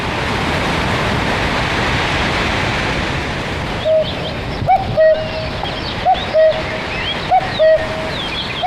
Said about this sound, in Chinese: 山野间传来布谷鸟催春的信息，居住在哀牢山区的彝族花罗人知道时候到了。